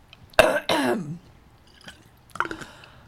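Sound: coughing and throat clearing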